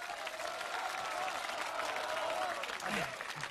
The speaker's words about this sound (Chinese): 让人观众的掌声做评判，人家掌声谁激烈带谁去。咱们现在把权力交给观众，好不好？来，同意贾旭明去的鼓掌。